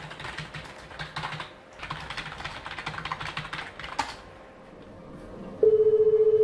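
Brisk keyboard typing clatters in bursts, then a loud, steady electronic office phone ring at the Nam-gu district office duty room suddenly starts near the end and trills on. No one speaks.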